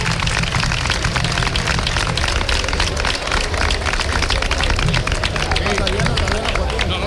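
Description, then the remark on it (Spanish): An audience applauds steadily for about seven seconds at an evening ceremony for switching on festive street lights, a dense, even wash of many hands clapping at constant loudness, with murmuring crowd voices mixed underneath. “Vamos a darle un fuerte aplauso a los dos que están esta noche aquí con nosotros.”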